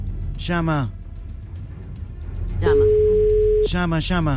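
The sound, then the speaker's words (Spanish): A telephone ringback tone sounds once as a steady, moderately loud one-second beep during a phone call that goes unanswered, with a man's voice speaking just before and right after it. “Está sonando el teléfono. Garca. No atiende.”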